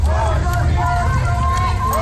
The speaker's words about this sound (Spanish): Protestas contra la presencia del ICE con gritos como de quién son estas calles, nuestras calles.